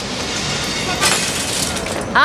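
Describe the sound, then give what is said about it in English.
Glass windows are being smashed by hooligans amid a noisy commotion on Easter day, with one sharp shattering crash standing out in the middle and a steady roar of breaking and clatter around it. “They're breaking all the lovely glass!”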